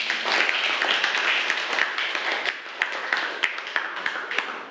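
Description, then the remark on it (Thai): A crowd applauds steadily on request after a video screening about changes in adolescence. Many hands clap in a dense, continuous patter that thins slightly toward the end, leaving more distinct individual claps, with no talking over it. “ครับก็ขอขอบคุณสื่อวิทยทัศน์นะครับเรื่องของการเปลี่ยนแปลงด้านต่างๆที่เกิดขึ้นในวัยรุ่นนะครับเผยแพร่โดยโรงพยาบาลมหาวิทยาลัยบูรพาขอเสียงปรบมือด้วยครับ”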